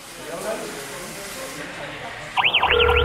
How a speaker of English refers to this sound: There's someone trying to break into your property. Yes, the alarm's going off. Yes, I've got him on camera now. He's by the front door.